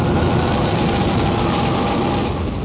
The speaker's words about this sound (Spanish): 3 segundos. A lo más 4 segundos habían transcurrido desde el encendido de motores y el gigantesco proyectil Atlas empezó su ascenso, lenta y pesadamente.